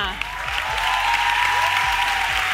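Steady audience applause, a dense wash of clapping hands that holds loud throughout, with a faint cheer or whoop rising briefly within the crowd noise.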